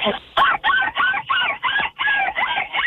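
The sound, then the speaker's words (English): A person who called in for a seagull calling contest imitates a seagull call with a quick run of about eight loud, nasal squawks in steady rhythm, with no other sounds around them. “Oh, I called in for a seagull calling contest, obviously.”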